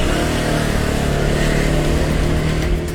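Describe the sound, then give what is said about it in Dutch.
A 125cc scooter engine runs loudly and steadily, its buzzing drone holding a constant pitch with slight surges, no voices present. “Maar gelukkig heb ik mijn eigen scooter. Een 125cc weliswaar.”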